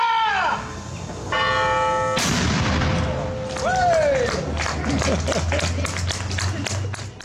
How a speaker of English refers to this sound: The cannon has been part of the history of Maryborough, apart from Edinburgh and other places. I don't know of too many places in Australia that have their cannon being fired.